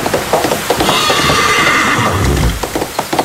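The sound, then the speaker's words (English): A horse named Midnight gives a long, loud whinny with a wavering high pitch that rises and falls, ending in a low snort, while hooves clop faintly underneath. “Giddy up.”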